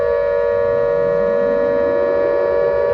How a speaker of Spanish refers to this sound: Sonó la alarma.